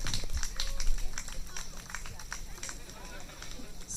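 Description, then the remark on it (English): A crowd applauds steadily for the runner-up team, the Turtle Girls, as they come up; scattered hand claps blend into a continuous patter at moderate loudness, with faint voices murmuring underneath throughout. “Round of applause for the Turtle Girls, please.”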